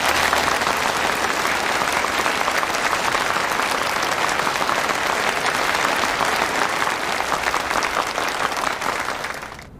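Sustained, enthusiastic applause from a large crowd at a military exercise debriefing, welcoming the exercise's chief director, an army deputy commander, to speak. A dense steady patter of many hands clapping at an even loudness for nearly ten seconds before tapering off at the end.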